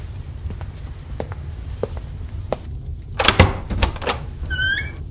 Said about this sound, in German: als du die Tür eben geöffnet hast, woran hast du da gedacht?